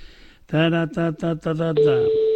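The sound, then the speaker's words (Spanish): A phone call rings out without being picked up: a few short melodic tones, then a long, steady electronic beep, loud and clear over a quiet line with no voices. “Nada, no me lo coge, cago en la mar, qué pena.”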